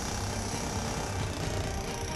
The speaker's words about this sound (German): Wir sägen hier so ein paar Bretter weg.